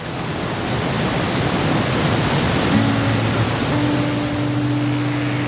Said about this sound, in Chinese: 只有山里才这么安静，能听到水声、风声、鸟声。